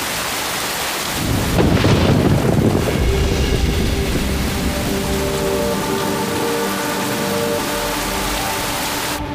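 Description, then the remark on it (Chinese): Steady rain pours down in a continuous hiss, joined early on by a heavy low rumble of thunder that rolls on beneath it, with faint sustained tones underneath. “等会儿，等会儿，哎，先生，这下雨打样了，需要帮忙吗？”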